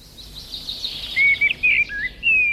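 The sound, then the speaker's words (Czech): A Eurasian blackbird sings alone, a few clear fluting whistled phrases rising and falling in quick succession over a soft outdoor hiss, moderately loud. “Lidé po poslechu nahrávky uváděli, jakým ten hlas je, ten ptačí hlas je příjemný, pak je bodovali na stupnici od 1 do 5 a jak už víme, tak vyhrál kos černý.”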